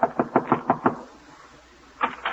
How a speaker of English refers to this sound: So now, with his laundry under her arm, she's knocking at the door.